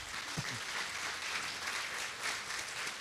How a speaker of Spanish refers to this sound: Yo creo que eso merece un aplauso para Dios.